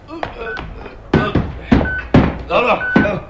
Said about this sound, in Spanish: El teniente Harrison del FBI y tres soldados más quitan la pesada viga que cierra aquella puerta metálica.